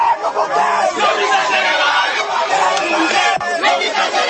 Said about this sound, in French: Pour faire passer leur revendications, tous les moyens sont bons. Sur tout le parcours, les manifestants chantent et poussent des cris, exprimant ainsi leur ras-le-bol face à cette situation jugée insupportable.